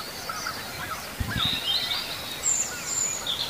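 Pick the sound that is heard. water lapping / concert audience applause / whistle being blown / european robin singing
european robin singing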